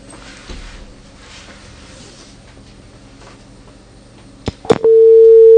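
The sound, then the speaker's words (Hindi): After a few sharp clicks, a loud, steady telephone busy tone sounds continuously after a caller's phone line to a farmers' call-in radio programme is cut off, following a stretch of low line noise and faint background hum. “Hello, लागे छ phone cut गयो, फिर बात करना यहाँ से।”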